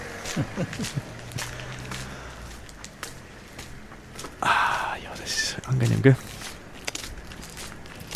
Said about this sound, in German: Aber warte, gehen wir noch ein bisschen, ein paar Schritte gehen sie noch aus. Wir gehen einfach, im Gehen ist es leichter. Wir haben da zum Glück im Studio auch unseren Sandsteinboden, gell? Mhm. Weil sonst auf dem Teppich hörst du es ja nicht.